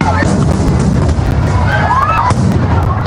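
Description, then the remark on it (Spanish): A chaotic barrage of festival fireworks opening the patronal festivities in Noain, lit from the town hall balcony: sparks from the first rockets set off the rest, which fire out of control. Rockets whistle and streak upward amid repeated sharp pops and bangs, all packed densely together with a constant roar and crowd noise underneath. “Las primeras, las chispas de los primeros cohetes prendían el resto de los cohetes que se disparaban sin control.”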